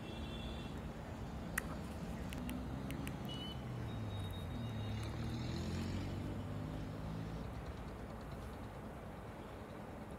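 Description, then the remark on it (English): Steady rumbling of vehicles moving through water on the waterlogged Delhi-Lucknow road in Hapur, Uttar Pradesh, amid incessant rainfall, engines droning continuously with a wash of splashing noise, a busy mix of traffic and no talking. “Amid incessant rainfall across Delhi and the National Capital Region, the Delhi-Lucknow road in Hapur witnessed severe waterlogging that also led to traffic disruptions.”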